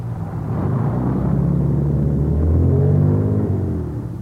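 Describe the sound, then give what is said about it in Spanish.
A car engine runs steadily with a low, humming rumble, its pitch rising slightly and swelling a little louder partway through before settling again. No one speaks. “Está bonita su nave, le digo, señorita.”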